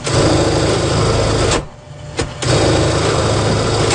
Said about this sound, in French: Bien, on entend toujours le petit bourdonnement de la machine à coudre